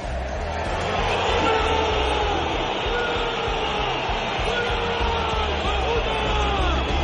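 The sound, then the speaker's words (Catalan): A huge stadium crowd of Atlético de Madrid fans boos and whistles at Julián Álvarez as he is introduced to play the last five minutes of the match, in a loud, unbroken roar, with shrill whistles sliding up and down above the massed voices for the whole stretch. “Nova escridassada esbroncada de l'afició de l'Atlètic de Madrid,”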